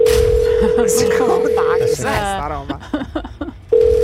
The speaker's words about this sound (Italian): Terzo, vanno veloci. Vale doppio. Quarto. Aia. Che sono tutti attaccati gli squilli. Sarà all'estero. Tutto attaccato.